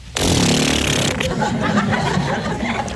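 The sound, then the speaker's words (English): A voice imitates an elephant spraying water from its trunk with one loud, sustained, spluttering burst: a rough, buzzing noise with a low voiced rumble that starts abruptly and carries on for nearly three seconds. “And he got some water and he went...”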